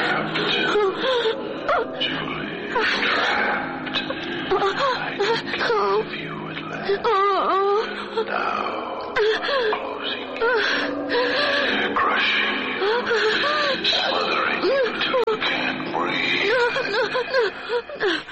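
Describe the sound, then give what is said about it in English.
An eerie, breathy voice whispers and moans in wavering, drawn-out tones, fairly loud, running continuously with no clear words and no other sounds around it. “Terrible whispering sound.”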